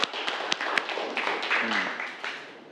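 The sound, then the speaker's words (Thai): A group of students in a classroom claps together after a classmate's correct answer about a balanced carrying pole, a brief, dense burst of overlapping hand claps with a few sharper slaps standing out, while a faint voice murmurs partway through. “เพราะไม้คานมีความสมดุลค่ะ มีความสมดุลนะปรบมือนะครับ”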